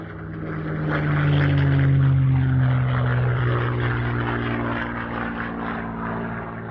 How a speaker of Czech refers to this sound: 3, 2, 1, letadlo. Koho by to napadlo, je to správně.